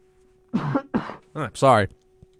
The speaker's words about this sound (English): I'm sorry for coughing so much. I don't know what's happening. I need a drink of water, actually.